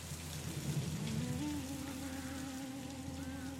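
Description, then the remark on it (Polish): Steady rain falls in a continuous hiss over a burned-out Huron village at the Saint Ignace mission in New France, with smoke hanging low, and a faint, sustained low tone humming underneath that rises slightly in pitch early on. No one speaks. “Dym wisi nisko nad ziemią. Deszcz.”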